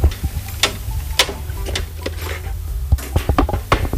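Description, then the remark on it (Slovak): A large iron case holding the visitors' book at a lookout tower being opened, with a string of sharp clicks, clanks and rattles of a latch and hinged lid, irregular and fairly loud, with no talking. “Tak ešte sa pozrieme aj do návštevnej knihy, ktorá tu je vo veľkom železnom púzdre.”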